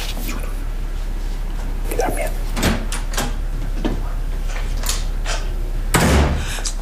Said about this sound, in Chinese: 看见没，他摔门摔这么大声，这摔给谁看呢？ 不是，怎么没摔门吧？ 这摔给我看呢。